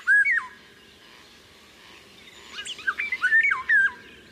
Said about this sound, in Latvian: Vālodzes dziesma ir ļoti skanīga, sastāv no strofām, kas atgādina flautas skaņas, un balsi var dzirdēt maijā. Angliskajā variantā šeit var saklausīt frāzi I can't hear you, kas nozīmē es nevaru tevi dzirdēt.